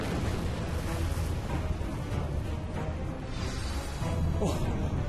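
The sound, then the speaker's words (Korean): A voice makes a rumbling, roaring eruption-like noise, a sustained loud burst of breathy booming that keeps churning for several seconds, imitating a volcano blowing up. “아까 화산 놀이 하던 건데 이제 터졌나 봐. 갑자기 화산이.”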